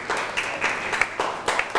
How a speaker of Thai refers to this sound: เก่งมากปรบมือให้กับเพื่อนหน่อยครับ